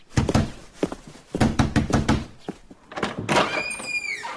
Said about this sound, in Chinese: 谁呀、啊？这么没礼貌！ 哎，快去开门。